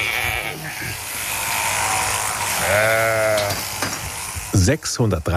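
sheep

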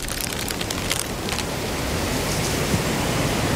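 storm with heavy rain

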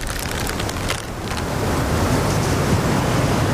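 storm wind and waves

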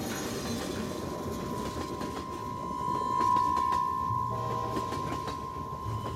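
train rolling on tracks

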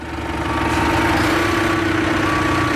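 tractor engine running

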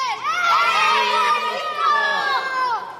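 children cheering

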